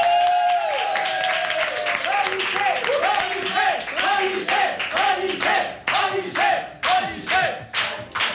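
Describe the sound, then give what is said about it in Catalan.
A studio audience bursts into loud, sustained applause and cheering to welcome Ramon Pellicer, a dense wash of clapping with whoops and shouts rising over it, then rhythmic clapping pulses toward the end. “Així que rebem amb un fort aplaudiment a Ramon Pellicer.”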